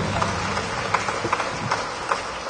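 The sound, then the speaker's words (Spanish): A crowd applauds loudly, the sharp claps falling into a steady rhythmic beat over a dense, noisy wash of sound that continues throughout. “Fuerte los aplausos, reina comamba, Dios.”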